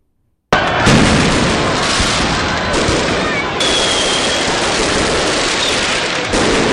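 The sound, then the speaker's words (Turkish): A dense, loud barrage of fireworks at the finale of celebrations in Islamabad, Pakistan, bursts in abruptly and keeps going without pause, rapid pops and crackles layered over deeper booms, continuous to the end. “Kutlamaların finalinde ise gökyüzü havai fişeklerle renklendi.”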